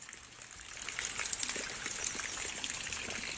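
Water from ongoing rain trickles and drips steadily, a continuous soft hiss of running water with scattered small splashes, fairly quiet, with no voices.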